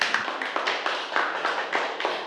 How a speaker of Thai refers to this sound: ขอเสียงปรบมือให้กับกลุ่มที่1ด้วยค่ะ